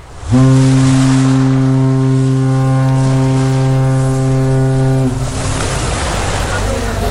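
A loud, steady passenger ship engine drone with a deep, buzzing hum holds for about five seconds, then drops away, leaving a constant rush of water and wind noise on deck.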